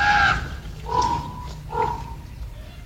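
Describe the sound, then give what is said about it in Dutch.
Three harsh, raspy screeches from young ravens in the Groesbeek forest, one right after another with short gaps, loud and grating with a nasal, begging quality. No one speaks. “En dat gekrijs is van de jongen.”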